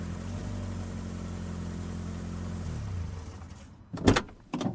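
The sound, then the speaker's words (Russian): A car engine rumbles steadily, then slows and cuts out as the car pulls up in a dead-end lane beside a row of dusty willows, followed by a couple of sharp clunks as a door is opened. “Плахов направил машину вдоль густого ряда пыльных ракит и свернул в тупичок”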